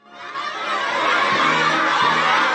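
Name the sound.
children cheering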